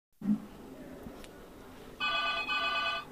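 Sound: telephone bell ringing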